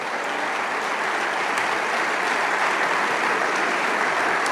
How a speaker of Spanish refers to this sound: Vamos, dale ese aplauso.